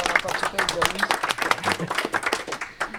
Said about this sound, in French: Voilà, bravo, on peut vous applaudir.